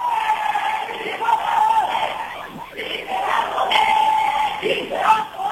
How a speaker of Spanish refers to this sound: Sí, se va a poder, gritan algunos manifestantes